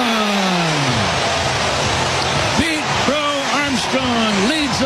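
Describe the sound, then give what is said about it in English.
A baseball crowd roars steadily after a 435-foot first-inning leadoff home run off Reds pitcher Andrew Abbott, a dense wall of cheering that holds for several seconds, with louder individual shouts and whoops rising and falling over it. “Listen to this crowd.”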